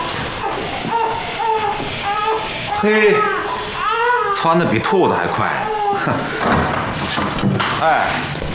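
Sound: newborn baby crying loudly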